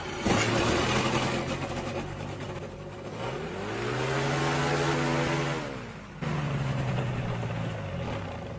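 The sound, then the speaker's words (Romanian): A small aircraft engine being started catches with a sudden roar, then runs at a steady rumbling idle, its pitch rising into a smooth whine midway before dropping back to a lower, even drone. “Încercăm să-l pornim.”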